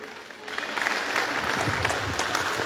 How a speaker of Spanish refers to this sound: Fuertes los aplausos, hermanas y hermanos presentes.